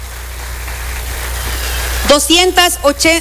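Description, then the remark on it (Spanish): A steady, even wash of clapping from a crowd for about two seconds, applauding fellow members of a project for people with catastrophic illnesses, then a voice starts speaking over the fading applause. “Yo pido un fuerte aplauso para todos nuestros compañeros.”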